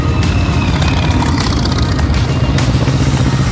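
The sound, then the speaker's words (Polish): A loud, continuous roar of many motorcycle engines, a deep rumbling drone with a few brief revving surges rising above it, at the official end-of-season motorcycle gathering in Bełchatów attended by hundreds of motorcycle fans. No voices. “Ryk silników wniósł się daleko.”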